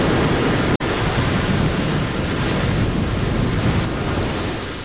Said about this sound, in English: Waves are pounding the shore in Long Beach, California, in the wake of Tropical Storm Rachel.